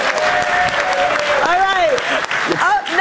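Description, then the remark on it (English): A crowd cheers loudly with sustained applause, whoops and excited shouts rising over a steady clapping wash, full throughout. “Everybody cheer.”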